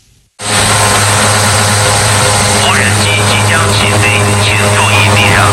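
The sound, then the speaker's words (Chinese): An inspection drone flies with a loud, steady buzzing hum that begins abruptly and holds unchanged throughout, while faint voices murmur underneath in the second half; it patrols an oilfield operation area of the Daqing Oilfield's No. 3 Oil Production Plant in Heilongjiang, China, part of 24-hour automatic monitoring of nine square kilometres. “在黑龙江大庆油田第三采油厂第八作业区，无人机和雷达等设备组成的空地一体巡检网络，实现了对九平方公里作业区的24小时全自动监控。”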